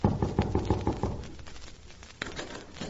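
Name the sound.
knocking on a door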